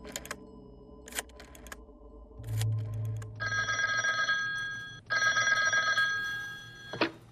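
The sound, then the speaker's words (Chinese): A telephone rings in two long, loud bursts separated by a brief pause, preceded by a few sharp clicks and handling noises, with no voices present, as Zeng Zesheng telephones the commander of the 544th Regiment. “曾泽生听了立刻给五四四团团长胡燕打电话。”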